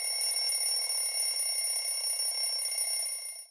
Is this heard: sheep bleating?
no